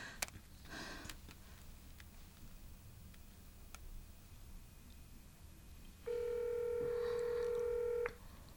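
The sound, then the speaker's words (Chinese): A few soft clicks and short beeps of a phone being dialed to call someone who does not answer, followed by one steady, buzzy ringing tone lasting about two seconds, with no voices over a faint background hiss. “不行，我打给他。”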